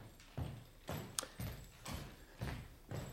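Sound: footsteps approaching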